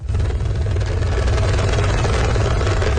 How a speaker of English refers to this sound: The rescue chopper hovers above the valleys of Nepal's northern Rasuwa district. There is no safe place to land after floodwaters washed away entire villages.